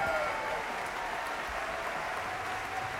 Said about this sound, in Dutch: En je hoort op de achtergrond het applaus vanuit dus de concertzaal in Frankrijk.